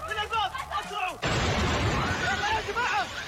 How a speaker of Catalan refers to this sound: Hi ha hagut aquesta fortíssima explosió que ha afectat el vestíbul de l'aeroport.